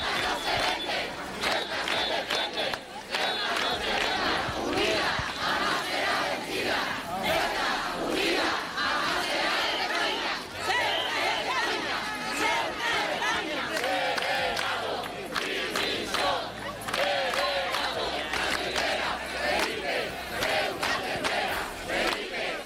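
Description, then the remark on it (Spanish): A large crowd of thousands of Ceuta residents (10,000 by the organizers' count, 5,000 by the police's) shouts and chants continuously in the Plaza de la Constitución in Ceuta at a night rally, protesting that they are fed up. It is a dense roar of many voices with rising bursts of yelling, loud and unbroken throughout. “Anoche, miles de ceutíes, 10.000 según la organización, 5.000 según la policía, salieron de casa a gritar que están hartos y cansados de tanto olvido.”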